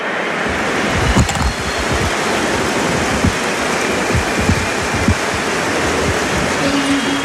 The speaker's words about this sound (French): Il le montre à Hugo Mola, il montre ses oreilles, il a entendu tout le soutien du public. Ovationné par le stade Vélodrome. C'est bruyant le Vélodrome